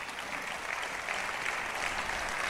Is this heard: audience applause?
yes